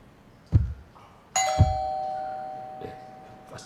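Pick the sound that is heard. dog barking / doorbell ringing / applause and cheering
doorbell ringing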